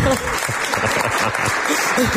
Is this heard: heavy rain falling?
no